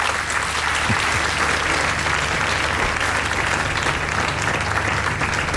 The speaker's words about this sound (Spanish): Aplaude el Papa León XIV las palabras